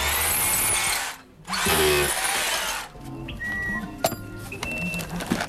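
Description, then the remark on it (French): Two loud bursts of a motorized screwdriver whirring as it turns a screw, separated by a brief pause, followed by scattered mechanical clicks and a thin, high whine. “Non, mais il faut tourner, t'as un tournevis, toi.”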